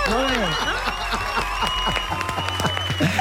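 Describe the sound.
A burst of applause, scattered sharp claps running steadily for a few seconds, with voices talking and calling out loudly over it and a low steady hum underneath.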